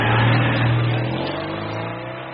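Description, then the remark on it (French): A Citroën 2CV car engine revs with a buzzy, mid-pitched drone, steady harmonics sliding slightly as it pulls away, loud at first then easing a little. “Et voilà pour l'histoire de cette 2 chevaux qui a traversé les générations.”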